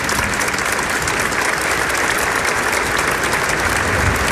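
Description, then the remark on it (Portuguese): Sustained applause from an audience giving a warm welcome on an evening, a dense, steady crackle of many hands clapping at an even loudness for several seconds with no voices standing out. “Então vamos todos nos acolher na casa da mãe com a calorosa salva de palmas nesta noite abençoada.”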